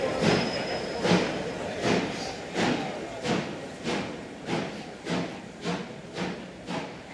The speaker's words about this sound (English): We travelled all night by train and walked some 4 miles to the Billet, a Belgian wheat store.